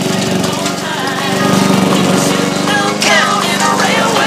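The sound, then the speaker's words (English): A lawn mower engine runs steadily and loudly, its droning hum joined by gritty scraping and crunching as the blades chew through dry mud in a back garden dirt patch, creating clouds of dust. “Vincent lies on a recliner, wearing sunglasses and headphones, as Oliver mows mud in the back garden, creating clouds of dust.”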